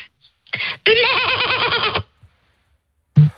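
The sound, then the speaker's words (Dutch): A person imitates a goat's bleat: a short breathy lead-in, then a loud, sustained, quavering bleat with a rapid tremble, ending abruptly, followed by a brief vocal sound. “Ik kan heel goed een geitje nadoen, hoor ik altijd van iedereen.”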